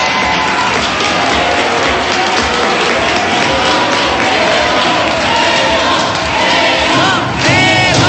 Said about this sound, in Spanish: en redes sociales se ha hecho viral un video en donde aparece el arquero mexicano, quien se llevó una sorpresa al salir del negocio y fue despedido entre aplausos. Escuchemos. Ovación para Memo Ochoa.